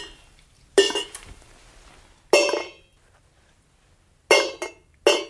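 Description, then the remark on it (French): Dry kibble pellets are dropped onto a hard surface so they make a sound, two on the left and three on the right, for an animal named Rekit in a test: one clatter, a second, then a quick pair of clicks near the end, each bright and sharp with quiet pauses between. “l'idée, c'était vraiment de les faire tomber pour qu'il y ait du son”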